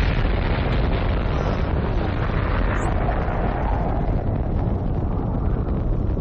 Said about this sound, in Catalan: És una olla a pressió de 200 tones. Això és una dada important. L'explosió de Txernòbil, que s'està a punt de produir, no és una explosió nuclear. És simplement una explosió de vapor. De tota manera, és un pet dels que fan història.